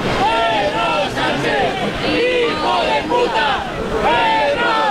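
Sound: crowd chanting and booing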